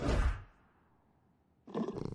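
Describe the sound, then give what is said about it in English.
A loud, deep tiger roar bursts out and fades within half a second, followed by a short lull and then a second rough, growling roar. No one speaks. “Hello, Miss Tiger.”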